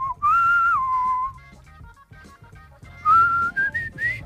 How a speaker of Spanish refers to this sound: Oye, silbas muy bien.